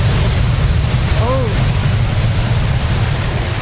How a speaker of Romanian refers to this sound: Mai bine o azvârl în apa asta curgătoare. Apă! Apă curgătoare!